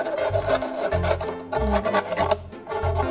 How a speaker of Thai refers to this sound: นั่นก็คือเราจะเอากระดาษทรายค่ะเราจะใช้กระดาษทรายเนี่ยมาลบคมของพลาสติกที่เราตัดไปเมื่อกี้นะคะ